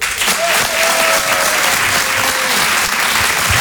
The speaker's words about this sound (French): Merci d'applaudir très fort Emmanuel Baudin. En direct sur Rire et Chanson.